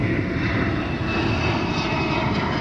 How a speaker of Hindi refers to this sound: J-20 चीन का पांचवी पीढ़ी का स्टेल्थ फाइटर जेट है जिसे रडार पर पकड़ना बेहद मुश्किल माना जाता है।